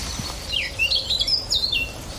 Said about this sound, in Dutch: Een zwartkop, onder andere. Dat harde, hè? Even luisteren. Dat is een zwartkop. En een zanglijst, hoor.